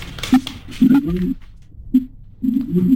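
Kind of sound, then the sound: bird, birds cooing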